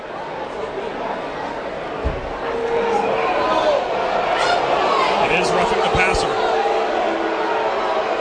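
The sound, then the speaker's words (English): A large crowd of Virginia fans at Scott Stadium roars in displeasure at a roughing-the-passer penalty during a football game against Syracuse, the dense wash of voices swelling after a couple of seconds and staying loud, while an announcer speaks over it. “This UVA crowd, as you can hear, does not like it.”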